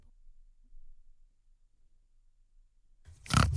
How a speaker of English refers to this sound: Hi, I'm Flora the Pig and I live at Tomar Retreat.